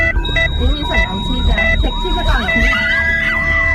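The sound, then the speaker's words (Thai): An ambulance siren wails with rising and falling sweeps, loud, layered over steady electronic tones and a low rumble of traffic, as the ambulance rushes a patient with 500 metres left to the hospital. “ถ้าเป็นญาติพี่น้องของคุณล่ะเมื่อเราพร้อมใจกันหลบทางให้รถพยาบาลให้ทางเท่า ากับช่วยชีวิต”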